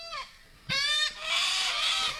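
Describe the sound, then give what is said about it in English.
Harsh, raucous cockatoo screeches ring out loud: a short call, then a stronger squawk, then a long grating screech, with no talking. A large flock of cockatoos on Victoria's Great Ocean Road, Australia. “They've been fighting with a large flock of intelligent cockatoos”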